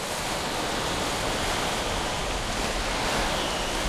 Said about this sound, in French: Aujourd'hui, le vent souffle fort et pousse le noir vaisseau d'Ulysse au large, très loin dans la mer.